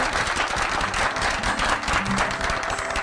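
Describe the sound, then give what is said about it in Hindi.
An audience applauds steadily, a dense, sustained wash of many hands clapping at an even loudness for the whole stretch, with no voices rising above it. “तालियां बजाइए।”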